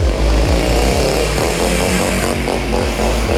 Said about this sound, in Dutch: Ja, voor de proef lieten ze deze vrouw op een grote motor langs de camera schuren. Vandaag de test ASO, hè?